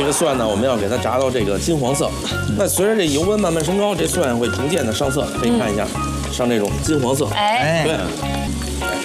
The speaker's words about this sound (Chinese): 而且这个你看我们炸蒜的时候啊，这温度真的不能太高，嗯，一定要充分把它炸透。